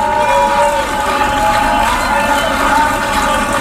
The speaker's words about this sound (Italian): Grandi applausi, Free Palestine in aula.